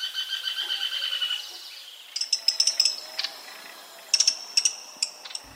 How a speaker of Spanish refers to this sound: Estamos oyendo al rastrojero o chamicero pizarra en una grabación captada en Valle del Cauca. Este pajarito, que mide unos 15 centímetros, se alimenta de insectos y arañas y le encanta vivir entre los rastrojos.